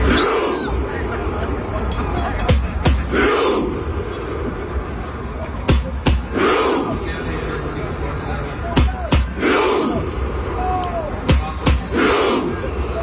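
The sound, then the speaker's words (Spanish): A large crowd of Norwegian fans, seated in the main street in Times Square, chants in unison in a rhythmic, repeating pattern, mimicking Vikings rowing, with sharp claps or slaps landing in regular beats roughly every three seconds over a steady roar of voices. “Todos ellos sentados en la calle principal ahí en Times Square, emulando que están remando los vikingos.”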